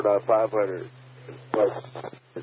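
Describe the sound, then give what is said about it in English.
A radio scanner tuned to 44.500 picks up a clear transmission: a narrowband, tinny voice speaking in short bursts over a steady low hum, with brief gaps between phrases. “That's a great straight clip signal right there.”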